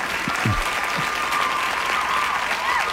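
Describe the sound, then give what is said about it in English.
A large audience claps steadily for the full three seconds, a dense, even wash of applause with a few brief cheers or whoops rising above it. “The crowd loves it, though.”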